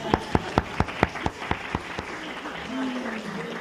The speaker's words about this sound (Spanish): Muy bien, un aplauso para el hermano.